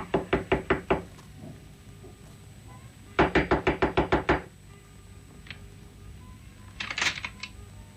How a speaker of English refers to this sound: But I walked down the hallway to apartment 106. And I knocked at the door.